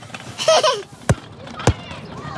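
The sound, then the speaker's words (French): A ball bounces three times on a hard surface as a boy plays ball, each bounce a sharp, fairly loud thud spaced out unevenly, after a brief burst of a child's voice at the start. “Et un garçon qui joue au ballon.”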